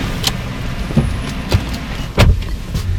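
Sharp clunks and thuds from a white Hyundai sedan being handled, with several spaced knocks over a low engine-like rumble in an enclosed, echoey underground car park. No one speaks.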